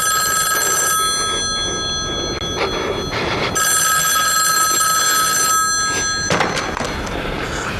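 A telephone bell rings loudly in long shrill bursts separated by a pause, over a low rumbling background noise.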